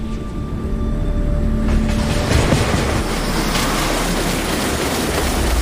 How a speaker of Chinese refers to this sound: 桥体下方，龙厦赣龙铁路列车每日以数百班次的频率呼啸而过，每一秒的通车过程都必须保证绝对的安全，没有任何容错的空间。